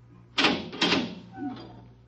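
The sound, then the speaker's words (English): A door opens with two quick, heavy clunks of the latch, followed by a short, softer creak as it swings, all over a faint steady hum. “Open the door.”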